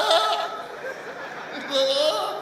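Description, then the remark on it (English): A person mimics a goat's bleat, giving two wavering, nasal cries, one at the start and a longer one near the end, with some vocal chatter between them. “Go, Oshobo, come see goat.”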